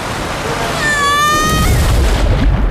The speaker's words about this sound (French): Vous venez d'entendre le bruit d'une descente en toboggan à Aqualibi.